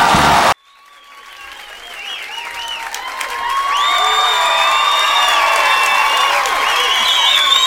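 An audience at a stand-up comedy show breaks into applause that swells from sparse clapping to a loud, steady roar, with high whoops and cheers rising over it throughout.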